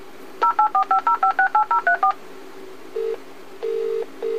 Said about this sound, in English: Do not worry. Your alarm telephone is dialing for assistance.